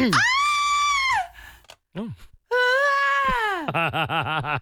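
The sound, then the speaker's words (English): A woman's classic scream: a loud, high, sustained shriek that slides downward, a brief pause, then a second long scream ending in a trembling, wavering cry. “our audio producer, has managed to find me just the most classic female scream that I'd like to play and then we'll hear yours again.”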